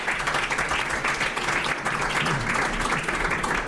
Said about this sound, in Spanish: Les damos un aplauso a ellos cuatro, mesedez.